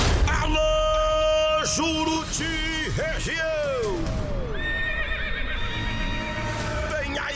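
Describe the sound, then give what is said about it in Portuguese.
A loud horse whinny with a shrill, wavering pitch that rises and falls, followed by a second drawn-out neigh trailing into a steady background. “Arrancadão de corrida de cavalo da Fazenda Progresso, na comunidade Araçá Branco, Salé.”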